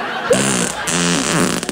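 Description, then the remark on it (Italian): A loud, drawn-out fart produced on request, buzzy and sputtering, with its low pitch wavering and breaking into a few bursts over nearly two seconds. No talking. “Ha sentito che bomba che mi è uscita dal culo?”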